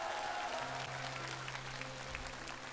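Steady audience applause fills the whole clip, a dense wash of many hands clapping at an even level, with a low sustained musical tone running underneath.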